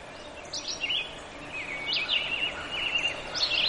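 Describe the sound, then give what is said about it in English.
A red-eyed vireo sings short, whistled phrases separated by brief pauses, repeating at a steady pace against quiet outdoor background noise, with no talking. “Red-eyed vireo. Completely different bird.”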